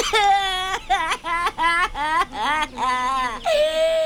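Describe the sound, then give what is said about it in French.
A little crocodile's high, wavering cry breaks into a string of sobbing, whimpering bursts with short gasps between them, fairly loud, then swells into a longer wail at the end. “Oh non, petit croco, non, je t'en prie, ne pleure pas.”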